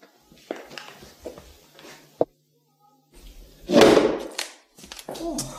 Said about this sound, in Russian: Я, кажется, сломал вашу дверь.